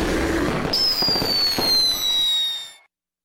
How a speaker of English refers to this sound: baseball, and the largest fireworks show in the Central Valley. July 4th at Chichansey Park, presented by Chichansey Gold Resort and Casino and ABC 30.